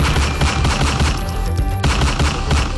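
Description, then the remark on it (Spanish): A rapid volley of gunshots cracks out in quick succession, loud, the bursts running together almost continuously for a few seconds with no voices, as a man is shot at in a public street in the Sachamate neighbourhood near a corner shop. “violento ataque conmocionó a los habitantes del barrio Sachamate en inmediaciones de una conocida tienda de la esquina, donde un hombre fue atacado a disparos de arma de fuego en plena vía pública.”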